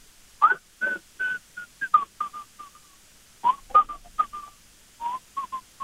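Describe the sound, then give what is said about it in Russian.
A Soviet classic tune whistled through a respirator held to the face: short, breathy, muffled notes in uneven phrases with brief pauses, each note carrying a hiss of air, and no talking. “представляю респиратор к лицу и насвистываю какую-нибудь советскую классику”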